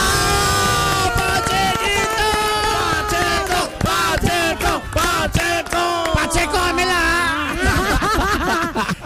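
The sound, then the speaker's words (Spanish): Loud audience applause for Alejo, an influencer, mixed with enthusiastic cheering and shouting voices, a dense, sustained crowd roar that stays strong from start to finish. “Para él, un fuerte aplauso.”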